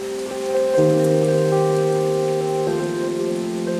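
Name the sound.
rain falling outdoors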